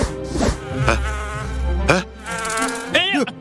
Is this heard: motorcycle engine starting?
no